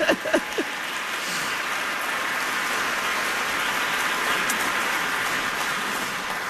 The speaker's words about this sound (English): One more round of applause for ….